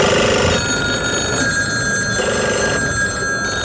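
A telephone rings loudly, two buzzing ring bursts separated by a pause, with a steady electronic hum underneath and no voices.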